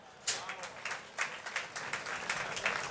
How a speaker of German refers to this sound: Einen kräftigen Applaus für die Hausherren.